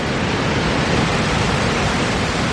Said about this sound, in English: behind that is the mystery of Moziatunya, the Victoria Falls, the smoke that thunders